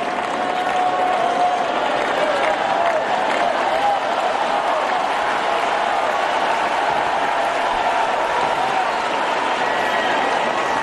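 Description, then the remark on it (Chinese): A large crowd at a tennis match applauds Gauff steadily for about eleven seconds, a dense, continuous wash of clapping that stays loud and even throughout, with faint voices mixed into the din. “出现这样的突发局面，对于高夫来说是承受着一定的压力的，而现场的掌声也给到他，希望他能够再接再厉。”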